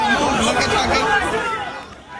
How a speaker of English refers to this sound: And that closure came after scenes like this in New York this morning, where chaotic crowds lined up.